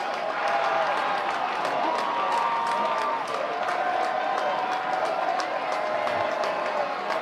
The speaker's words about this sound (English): for the first time today, outside of that Valencia home run, this Mud Hens crowd has some life to it